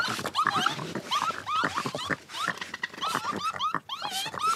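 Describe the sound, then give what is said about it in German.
A raccoon gives a rapid series of sharp squeals, chitters and whiny cries as warning sounds, harsh and agitated, repeating throughout with brief gaps in between. “Jetzt gibt es erstmal Warngeräusche. Achtung, Gefahr.”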